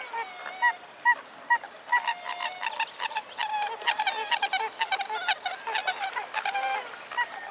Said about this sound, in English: A pied-billed grebe.